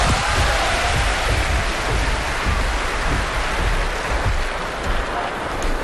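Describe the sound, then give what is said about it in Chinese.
A large audience at a crosstalk (xiangsheng) show applauds to welcome performers Guo Degang and Yu Qian, a dense crackling wash of many hands clapping that holds at an even, fairly loud level for about six seconds with no voices over it. “那本期节目里，咱们请出郭德纲和于谦，郭于组合将为您合说一段学电台。咱们掌声有请。”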